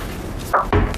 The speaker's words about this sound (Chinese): 儿子回来了。 你怎么不敲门就行了？ 我敲了，敲门了。 我还没有允许你进来你就进来，那跟没敲有什么区别？